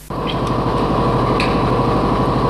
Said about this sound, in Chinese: 听那个发动机声音，我心里就高兴。越野车的声音是特别大，嗡嗡，加油门的那个声音，特别激动。